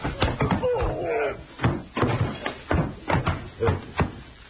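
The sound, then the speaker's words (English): A door bangs and thuds repeatedly, about ten heavy, irregular knocks as it is forced shut, with a brief strained groan or creak early on. “He went back against the others, and I tried jamming to shut the door, but they piled back against me with a lot of weight, a lot of slugging, until finally...”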